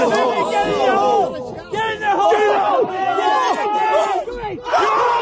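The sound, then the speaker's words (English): A large crowd of hundreds of spectators at a golf event erupts in loud, sustained cheering and shouting at a golfer's shot on a par three, many overlapping voices whooping and yelling excitedly without a break for several seconds. “The crowd went wild!”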